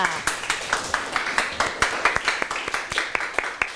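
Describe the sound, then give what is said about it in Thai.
A quick, steady run of hand claps repeating sharply for several seconds, distinct, with a faint hiss of background noise, as students clap for themselves during a lesson on the respiratory system. “ไม่มีนะคะปรบมือให้ตัวเองค่ะ”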